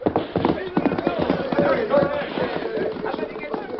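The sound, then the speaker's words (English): A white stallion named Silver gallops, its hooves pounding in a quick, steady rhythm of dull clops, mixed with a busy wash of noise and indistinct voices throughout. “Just watch that white stallion go.”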